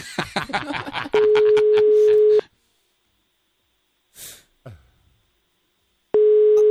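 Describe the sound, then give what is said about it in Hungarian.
Outgoing-call ringback tone: a steady mid-pitched beep sounds for over a second, then a long pause and another beep starts. Brief talk precedes it and a faint breath or rustle fills the gap. “Még nem hallja, hogy csörög a telefon.”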